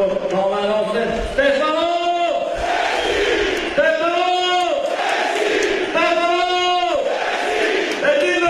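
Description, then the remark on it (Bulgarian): A football crowd at a CSKA versus Arda match chants the name of Stefano Sensi after his 41st-minute equaliser, in loud, rhythmic unison, the same rising phrase repeated about four times over a constant roar of stadium noise, with no talking on top. “Чувате скандиранията на името на Стефано Сенси.”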